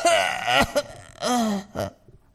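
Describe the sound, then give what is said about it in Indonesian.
A voice acts out an old man coughing and choking: a strained, rasping vocal burst, a quick catch, then another harsh gasp and a short final hack, fairly loud. “Semakin lama batuknya, tersedaknya semakin parah.”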